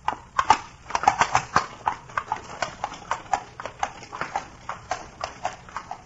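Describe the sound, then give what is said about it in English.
Steady clip-clop of horse hooves pulling a carriage, a brisk even rhythm of sharp knocks throughout, moderately loud with a faint rumble of wheels underneath. “Perhaps when you have gentle horses.”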